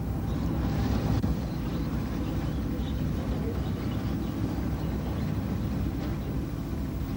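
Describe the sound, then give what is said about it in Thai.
A steady, low rumble of a light-lure fishing boat's engine or generator drones on without a break, a dense, even hum with faint hiss above it, as the boat floats at sea in the darkness above a coral reef. “ท่ามกลางความมืดมิดของท้องทะเลเรือไฟล่อปลากำลังจอดลอยลำอยู่เหนือแนวปะการัง”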